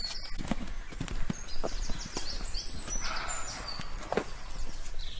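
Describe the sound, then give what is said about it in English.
A roe deer gives a series of short, harsh barks at irregular intervals, sounding angry, while birds chirp and call faintly in the background of a quiet woodland. “I'd never had a roe deer bark at me before, but I have now. And he sounds angry.”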